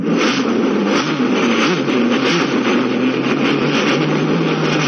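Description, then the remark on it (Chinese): A car engine runs loud for the whole stretch, a steady low rumble with a harsh, noisy roar layered on top and slight surges in pitch, with no voices. “你就不能浪漫点？我要坐汽车。”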